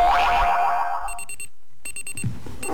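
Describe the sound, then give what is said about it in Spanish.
A springy descending boing gives way to short bursts of rapid, metallic alarm-clock ringing, repeating in quick clusters with a brief gap between them, loud with no voices. “El despertador.”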